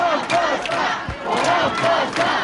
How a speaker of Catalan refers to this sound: Així, al crit de volen passar, milers de persones reclamaven poder accedir a Ses Voltes per escoltar la lectura del manifest.